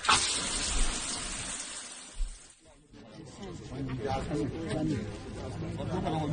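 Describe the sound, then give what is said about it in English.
Shower water runs with a steady hiss of spray, briefly dropping out midway before continuing beneath faint muffled voices. “I better get out my bed and in the shower.”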